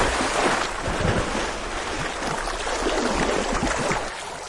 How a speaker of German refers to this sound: So, und es klingt so, als wäre sie jetzt ins Wasser gefallen. Ist ja aber gar nicht.